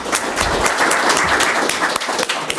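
Sustained applause from an audience closing a briefing session, a dense, steady wash of many hands clapping at fairly even loudness for a few seconds, with sharper individual claps standing out.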